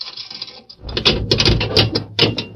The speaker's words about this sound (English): They spoke a few words to the guard, and then Murph unlocked the grill door of the cell.